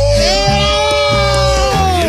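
A loud concert crowd cheers and yells as a singer is introduced, over a sustained, held musical note and a stepping bass line, with the roar steady for the whole two seconds.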